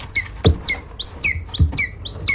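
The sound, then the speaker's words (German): A lesser spotted eagle chick at a rearing station in Potsdam, Germany, calls repeatedly with thin, high, downward-sliding peeps, about four in quick succession, with soft low bumps underneath and no talking. “Ja, so klingt ein Schreiadlerküken.”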